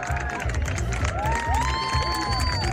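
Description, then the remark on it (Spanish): A crowd cheers and applauds loudly, with high rising whoops and shouts riding over a steady wash of clapping and excited voices throughout, as the moon begins to cover the sun at 8:30 during the solar eclipse of 12 August 2026. “Primero, vítores, gritos, aplausos cuando la luna comenzaba a tapar el sol a las 8:30.”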